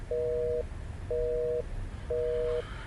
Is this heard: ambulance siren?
no